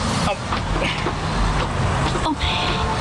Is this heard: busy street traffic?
yes